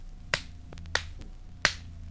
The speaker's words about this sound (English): Number 15, a pencil.